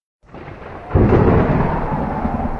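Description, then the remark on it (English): Thunder from a spring storm rumbles in, then swells into a loud, deep rolling boom that holds steady and slowly fades, heard alone with no voices. “That spring storm that rolled through, the winter ice, the blazing 90 degrees summer sun.”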